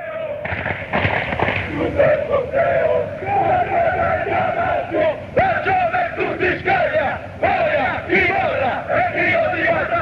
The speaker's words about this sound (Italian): Ti dico che questo coro è il coro che viene fatto con gli atalantini neanche più